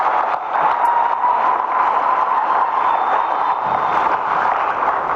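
A crowd applauds the Prime Minister and the head of state, a dense, even wash of clapping that holds at the same loudness throughout with no pauses and no one speaking over it.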